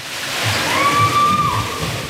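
Steady rushing and splashing water at a thermal water park on a muggy July day, at moderate loudness, with a brief high whistle-like tone gliding through the middle and faint murmuring in the background.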